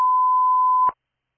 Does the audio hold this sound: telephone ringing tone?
yes